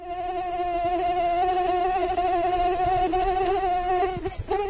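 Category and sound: insect, mosquito buzzing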